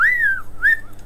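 Two short whistled notes from a person, each gliding in pitch, clear with a brief gap between them, no talking.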